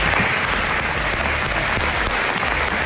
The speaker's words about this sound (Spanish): En Madrid, durante el aplauso de la oposición.